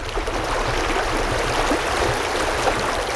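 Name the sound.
flowing brook water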